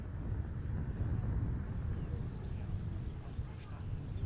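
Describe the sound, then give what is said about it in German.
Strong coastal wind roars steadily across a microphone on top of a 36-metre-high tower in Merzdorf, a dense low rumble with gusty buffeting that never lets up, filling the whole stretch with blustery noise. “Doch heute ist es oben zu windig zum Reden, typisch Küste.”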